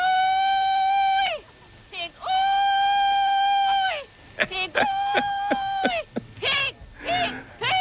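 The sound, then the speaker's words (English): A man belts out hog calls at a pig calling contest in the 1940s: two long, sustained, high-pitched hollers, then a rapid string of shorter yelping whoops, loud, from an old recording. “I also found pig calling contest. This is from the 1940s.”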